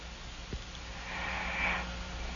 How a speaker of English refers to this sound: Yeah, but it's not the novelty snore we crave. 17-year-olds don't get that. They just get the heavy breathing thing. It makes me want to go to sleep. It's like I listen to a child breathing.